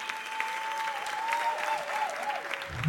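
An audience applauds steadily, a dense wash of clapping that holds even for about three seconds, with a faint sustained tone running beneath it and a low thump at the very end.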